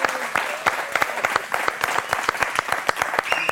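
A crowd applauds steadily, dense overlapping claps with sharper individual hand claps popping out in a quick irregular rhythm, fairly loud and sustained throughout.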